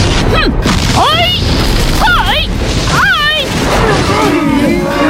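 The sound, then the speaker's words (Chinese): Ship cannons on a fleet sailing toward an island on Baofeng Lake pound away in a steady bombardment of the island before landing, a dense rumble of booms and crashes, with whistling tones sweeping up and down above the din in several bursts. “宝风湖，黑小虎率领着船队朝孤岛驶来，船上火炮齐鸣，不等上岸就对孤岛进行了一番猛烈的轰炸。”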